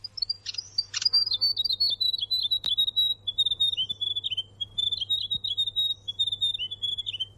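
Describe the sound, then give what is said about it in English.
A grey warbler (riroriro) sings a long, high, wavering trill of thin whistled notes that rise and fall continuously, clear, with a faint low hum underneath. “This is the grey warbler, or the rero rero.”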